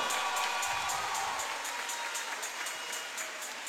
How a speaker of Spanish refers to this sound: Ahí está el reconocimiento para esta tremenda institución que es Entre Mares. Más fuerte el aplauso.